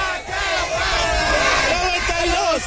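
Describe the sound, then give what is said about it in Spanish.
A crowd in Xochimilco yells a battle cry together, many voices shouting loudly and continuously with rising and falling pitch for a few seconds. “Eso es todo y nos despedimos de aquí de Xochimilco con el grito de guerra y se dice, aquí suena.”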